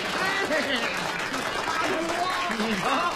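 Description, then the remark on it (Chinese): A live audience breaks into steady, dense applause welcoming a performer who offers to sing karaoke for them, with a few indistinct voices calling out over the clapping. “大家还真欢迎。”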